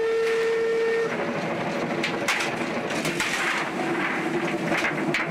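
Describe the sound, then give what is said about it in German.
A steam special train runs at full steam toward Kranzahl, a steady loud rumble and hiss of the engine and wagons, opening with a brief sustained whistle tone that fades after about a second. “Mit Volldampf geht es voran.”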